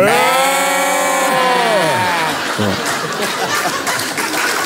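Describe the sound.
Two people imitating sheep do a long, nasal, wavering bleat together in two voices, loud, sliding downward before breaking into chuckles and scattered laughter.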